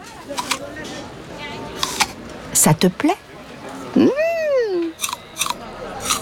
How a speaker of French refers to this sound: Tiens, Toudou, une pomme verte. Tu veux croquer dedans?